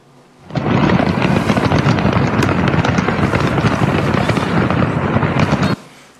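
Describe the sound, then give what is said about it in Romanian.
A dense, continuous barrage of fireworks crackling and popping, loud, with rapid overlapping bangs sustained for several seconds before cutting off abruptly, from a fireworks factory exploding in a city in southern China. “Explozie devastatoare într-un oraș din sudul Chinei, unde o fabrică de artificii a sărit în aer.”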